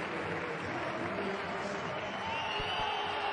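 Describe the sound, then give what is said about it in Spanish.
A dense, steady roar of a football stadium crowd, with thin, wavering whistles rising out of the noise in disapproval as the player Van Duiven is substituted and leaves the pitch, growing more noticeable toward the end. “Pitos. Les oigo yo desde aquí.”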